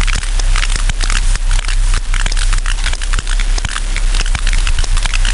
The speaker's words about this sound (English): So these clicks, these sounds, is really the history of these most ancient whales on Earth.